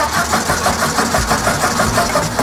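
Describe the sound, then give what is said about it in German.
A car engine cranks and catches, settling into a steady, rhythmic chugging with a continuous mechanical rumble, fairly loud, with no voices. “1886 hat Carl Benz in Mannheim den allerersten benzinbetriebenen Wagen der Welt gebaut.”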